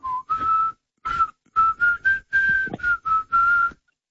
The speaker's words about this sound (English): It starts with whistling